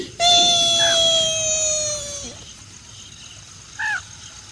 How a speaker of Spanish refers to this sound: El niño llegó llorando donde sus padres. Estos le preguntaron qué le pasaba.